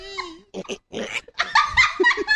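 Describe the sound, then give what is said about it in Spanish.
A small child snoring: a short nasal whine, then several snorting, grunting breaths that grow louder and rougher, with squeaky whistling tones at the end. No one speaks. “Sí, está roncando, bien.”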